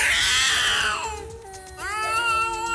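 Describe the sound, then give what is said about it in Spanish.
Cats caterwauling in a fight on a roof: two long, loud, wailing yowls, the first sliding down in pitch and the second rising sharply, with no talking. “Yo no sé si se la está dedicando o se la montaron a ese pobre que llegó para ir pelea de gatos eso allá arriba.”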